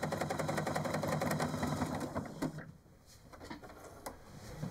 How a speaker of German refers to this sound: Nur ihre Nähmaschine hört sich heute eher wie ein Traktor an.